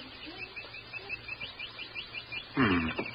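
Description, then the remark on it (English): Faint, rapid bird chirps repeat steadily in the background, with a brief louder call bursting in near the end over a low ambient hum. “The birds is going about their business all right.”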